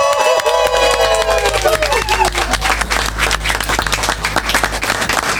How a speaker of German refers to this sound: Ein großer Applaus zum Abschied für den Nachrichtenchef.